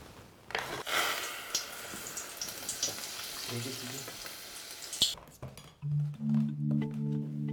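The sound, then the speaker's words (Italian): Floured, battered balls of egg, herbs and parmesan deep-frying in hot oil until golden and crispy, a dense, steady crackling sizzle for several seconds that fades as a voice begins speaking near the end. “Anche il loro destino dorato è una frittura croccante.”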